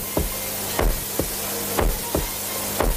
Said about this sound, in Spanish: Porque además de esos latidos del corazón que se hicieron con un bombo,